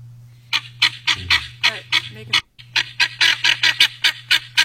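A goose honks loudly and repeatedly in a quick, steady rhythm, more than a dozen harsh calls with a brief pause midway, over a constant low hum.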